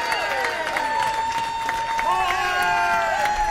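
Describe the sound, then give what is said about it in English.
A crowd applauds steadily with dense clapping, mixed with whoops, shouts and whistles of cheering, sustained and loud throughout, as an audience welcomes a band member being introduced onstage. “I ask you to give a big round of applause to a fella formerly from the state of Minnesota, now making his home in beautiful Cleveland, Ohio.”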